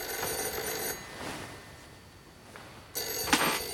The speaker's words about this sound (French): Dis donc, c'est le téléphone? Oui, En effet, je crois que c'est le téléphone.